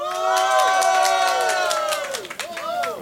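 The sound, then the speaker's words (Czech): A loud festival crowd at Švestka Fest, in a village between Most and Litoměřice, cheers and whoops in the afternoon, rising and falling voices layered over a steady patter of clapping that carries on for about three seconds. “myslím, že jsme měli větší potlesk, i když ta ho měla taky teda velký.”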